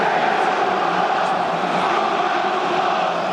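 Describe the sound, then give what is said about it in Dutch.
A large stadium crowd at a Feyenoord versus AZ football match sings together, a dense, steady wash of many voices that holds at an even loudness throughout with no single voice standing out. “Terwijl het publiek weer zingt.”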